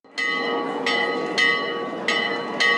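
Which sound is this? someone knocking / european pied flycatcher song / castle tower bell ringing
castle tower bell ringing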